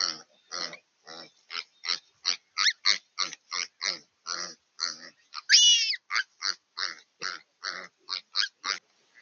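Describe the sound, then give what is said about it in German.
Piglets squeal and grunt in a rapid, steady series of short, shrill bursts, about two or three per second, with one louder, high-pitched drawn-out squeal in the middle. No one speaks. Ravens are hunting the piglets, pulling their tails until they topple over. “Verschiedene Raben jagen die Ferkel. Ziehen an den Schwänzen, bis die Tiere umkippen.”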